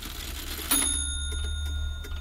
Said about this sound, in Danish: Et ur tikker i stuen, og ellers er der rimelig stille omkring dig.